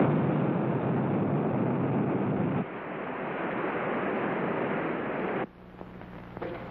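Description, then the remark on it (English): A missile slams into the water near a submarine with a loud, sustained roaring rush of churning spray that shifts and thins midway, then cuts down abruptly near the end. No voices. “The missile's hit the water near the sub.”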